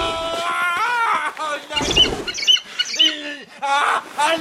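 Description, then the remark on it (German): A newly acquired Lenker crow-falcon, a kind never tamed before, calls loudly, giving a string of harsh, rising and falling screeches and squawks with short gaps between them, some cries drawn out and wavering. “Ich habe einen neuen Falken, ein echter Lenker-Krähenfalke, sind bisher noch nie gezähmt worden.”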